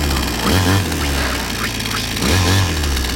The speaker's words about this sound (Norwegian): Motorsag.